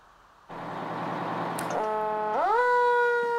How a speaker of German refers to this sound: Ja, sind hier eher ungewöhnliche Sirenengeräusche, ne? Ja, die und noch viel mehr, die gab's heute beim Blaulichttreffen bei Nauen.